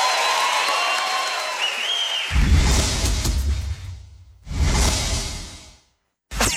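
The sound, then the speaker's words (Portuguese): Audience applause with crowd noise at a show being recorded for a DVD, swelling loud with cheering and whistles, then a cut, another burst of clapping, silence, and a brief final burst. “Mais aplausos.”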